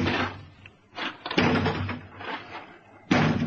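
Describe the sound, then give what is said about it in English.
Heavy, booming blows pound against a door from outside again and again at an uneven pace, each thud loud, with rattling and scraping between the impacts and no voices. “That door won't hold long.”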